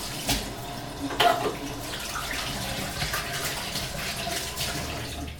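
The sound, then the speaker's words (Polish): Tap water runs steadily while hands are washed beneath it, a continuous splashing with brief louder bursts as the hands move through the stream. “Jeszcze umyję sobie ręce.”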